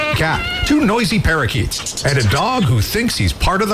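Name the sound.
cat meowing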